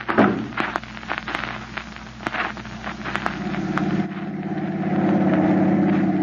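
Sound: car engine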